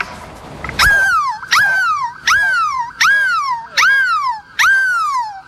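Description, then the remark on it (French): A person at Place de la République in Lille imitates a seagull in a bid for the biggest seagull cry in the world, with six loud, shrill cries in a steady rhythm, each one starting sharply and sliding down in pitch, with no talking in between. “Et aujourd'hui, le plus grand cri de mouette au monde va vous réveiller.”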